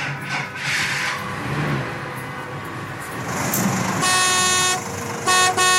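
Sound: truck horn honking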